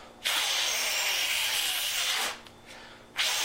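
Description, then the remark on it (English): Someone blows hard into a Nintendo Entertainment System (NES) game cartridge: a long, breathy rush of air lasting about two seconds, a brief pause, then another puff begins. “That guy is blowing into the cartridge of a Nintendo game because when you put it in,”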